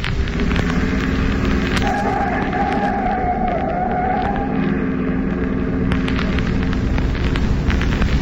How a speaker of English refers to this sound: on my left is a big truck coming at me doing 60 miles an hour